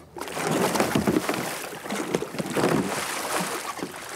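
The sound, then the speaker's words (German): A kayaker performs a kayak roll (Eskimo roll): the kayak tips over and rolls back upright, with continuous splashing and churning water and a couple of stronger surges, over steady wind noise. No one speaks. “Eines der wichtigsten Rettungstools in der Kajakszene ist die Kajakrolle oder Eskimo-Rolle.”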